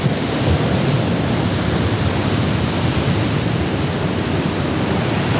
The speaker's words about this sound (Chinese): 一望无际的大海上掀起狂风巨浪，将巨大的能量倾泻在支离破碎的爱尔兰岛西海岸上。